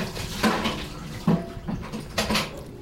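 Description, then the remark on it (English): An empty bucket plunges into a barrel of water outside a small house 8 miles southeast of downtown Los Angeles, giving a few sloshing splashes and gurgles spaced irregularly over a few seconds, with no voices. “Noemi Perez plunges an empty bucket into a barrel of water.”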